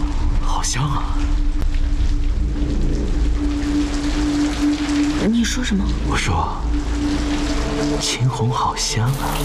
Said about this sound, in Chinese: 都怪那该死的雨， 这跟雨又有什么关系？ 当然有关系了。